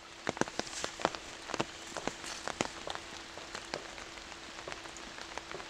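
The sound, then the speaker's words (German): Steady rain patters through a forest on a rainy day, with scattered sharper drops tapping surfaces over a soft, continuous hiss. No voices are heard. “Er schätzt die Stille an einem Regentag im Wald.”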